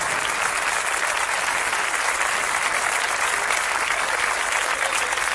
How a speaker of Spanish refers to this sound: Fuerte el aplauso.